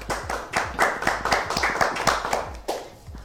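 An audience applauds with brisk, overlapping handclaps, a dense steady patter that stays loud for a few seconds. No one speaks over it.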